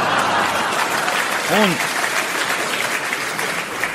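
Loud, sustained applause from a large crowd fills the whole stretch, a dense roar of clapping with a brief vocal cry rising out of it midway.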